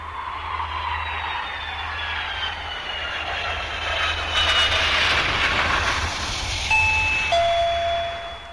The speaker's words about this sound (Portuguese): Campainha tocou, ouvinte, você já sabe, agora é hora das notícias de Brasília.